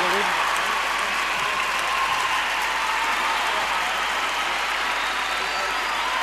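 Loud, sustained applause from an audience, a dense steady wash of clapping that fills the whole stretch without pause or rhythm, with no one speaking over it.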